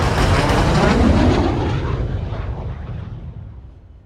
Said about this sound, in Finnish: Yhdysvalloilta jääneet sotilashelikopterit lentää matalalla yksitellen katsomon ohi.